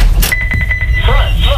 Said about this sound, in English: Man, that's a squeaky ass door. Yeah, it is, isn't it?